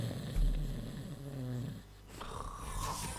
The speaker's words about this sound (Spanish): Van a estar roncando por todos lados.